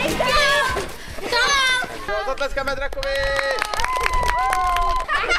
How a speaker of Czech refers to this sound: Naplno začala sezóna letních táborů, třeba ten v Libušíně na Kladensku je inspirovaný pohádkami. Děti hrají hry, které vychází z jednotlivých pohádkových příběhů a postav.